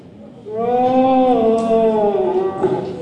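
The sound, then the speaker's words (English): A child, one of the next generation of hunters, gives one long, drawn-out wavering call, imitating a deer, rising slightly and then sliding down over a couple of seconds, loud with no talking. “The next generation of hunters there doing their best deer impressions.”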